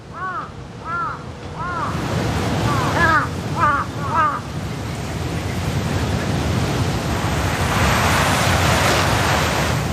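Crows caw harshly in alarm after finding a dead crow on the ground near a sign, about seven times in quick, uneven bursts over the first few seconds, then fall silent, leaving only a loud, steady rushing noise like wind.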